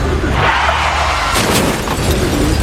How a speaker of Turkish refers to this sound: Görüntülerin adresi Kocaeli'nin İzmit ilçesi. Direksiyon hakimiyetini kaybeden sürücü bir anda savrularak danışmanlık merkezinin vitrine çarptı.